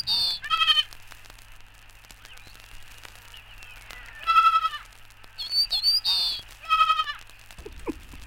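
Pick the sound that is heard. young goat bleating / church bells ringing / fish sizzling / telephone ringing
young goat bleating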